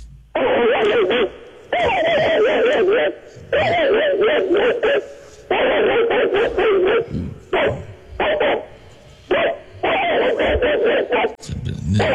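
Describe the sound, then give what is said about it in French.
A man's voice imitates an angry mongrel dog, letting out loud bursts of harsh, growling barks in rapid runs with brief pauses between them, continuing for several seconds. “C'est le fameux chien bâtard.”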